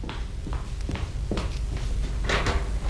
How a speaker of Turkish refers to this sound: Aa, kapı mı o